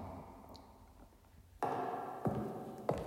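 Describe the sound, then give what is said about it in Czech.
A door in a castle bangs shut in a draft with a sudden loud thud after a quiet stretch, followed by two smaller knocks or rattles as it settles. Nobody speaks. “Průvan. Obyčejný průvan. Přibou dveře a dveře přiskřípli kastelánovi kočce ocas.”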